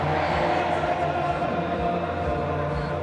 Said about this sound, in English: As the coffins carrying the former supreme leader and his family come into view, the crowd erupts. Their chants drown out almost every other sound.